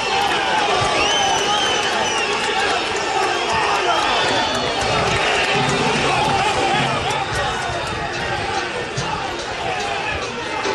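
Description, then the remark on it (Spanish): A football stadium crowd of fans reacts as the squad leaves the field, a loud, steady roar of voices and shouts with scattered clapping mixed into the din, sustained without pause for about eleven seconds. “Bueno, dividido el hincha entre aplausos.”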